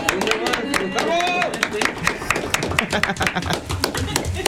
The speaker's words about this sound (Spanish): Un aplauso. ¡Ea!